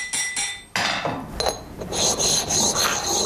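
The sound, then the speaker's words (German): Steady rasping and rubbing of a file working over a forged metal ring as its sides are filed and polished, with brief scraping strokes and a bright hiss in the upper range, no voices present. “Jetzt ist er fertig mit diesen polierten Seiten.”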